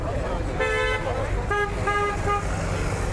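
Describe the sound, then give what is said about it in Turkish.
Several car horns honk in quick succession as warnings, one after another, over a constant rumble of engines and busy street traffic in a megacity. “Mega kentin bitmeyen gürültüsüne uyarı için peş peşe çalınan korna sesleri de ekleniyor.”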